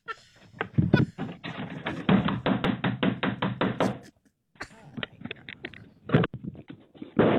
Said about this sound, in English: He outside banging on the door trying to get in.